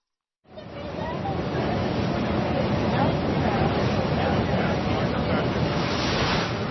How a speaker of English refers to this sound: To get to Alcatraz, you must first board a boat that smoothly slips across the bay, offering up breathtaking views of the Golden Gate Bridge and the San Francisco skyline.